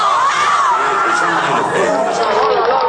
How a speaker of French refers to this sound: Cette soirée faite de cris et de larmes réveille alors une démocratie française endormie par 5 ans de cohabitation